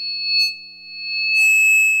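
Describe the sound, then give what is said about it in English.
A steady, piercing high-pitched ringing tone imitating tinnitus, a ringing in the ears, holds on continuously, with a second fainter high tone alongside it and brief bursts of shimmering noise flickering over it twice. No one speaks. “Did you know that ringing in the ears or tinnitus is a symptom of hearing loss?”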